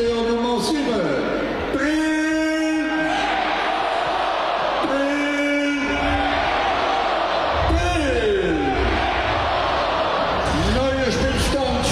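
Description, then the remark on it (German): At a Switzerland versus Jordan football match, a stadium announcer calls out the new score after Switzerland's goal over a loud, echoing crowd, and the spectators roar back in unison between his shouted phrases, a call-and-response chant filling the reverberant stadium. “Also, das Spiel geht wieder los, auch wenn da die Zuschauer mit dem Speaker zusammen antun, entsprechend sich einstimmen und da den neuen Spielstand durchgeben.”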